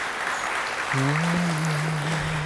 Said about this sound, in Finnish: eikös anneta vielä pienet aplodit